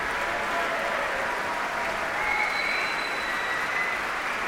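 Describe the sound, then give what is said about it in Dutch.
Sustained audience applause for orchestra musicians in the Concertgebouw, a dense steady wash of many hands clapping at an even, fairly loud level throughout, with no voices standing out. “En ook fagotist Gustavo Núñez verdient zeker een applaus hier.”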